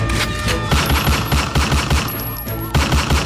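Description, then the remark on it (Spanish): Rapid gunfire bursts crackle in a steady, repeating rhythm, loud and dense, with a sustained tonal, music-like backdrop running underneath and no voices. “Atención, porque ayer hubo balacera.”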